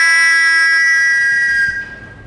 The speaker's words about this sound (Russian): Ты берешь свисток. И просто вот так воздух себя набираешь, и потом на выдохе.